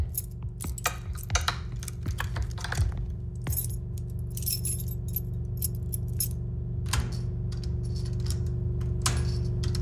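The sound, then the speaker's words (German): A bunch of keys jingles and clinks in irregular bursts, with scraping metallic clicks as keys are tried one after another in the lock of a locked cellar door, over a steady low hum. “Warum sollte man eine normale Kellertür abschließen? Na, hoffentlich passt einer unserer Schlüssel.”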